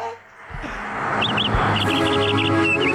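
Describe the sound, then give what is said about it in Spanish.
Birds chirping in quick bursts of short, bright repeated notes over a steady background hum, clear, continuing through the second half. “Yo escucho pájaros.”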